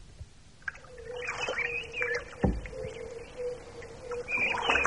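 Several birds chirp and call in overlapping bursts outdoors by a lake, one perched on a reed, with a steady low drone running underneath and a single soft thump partway through; no one speaks.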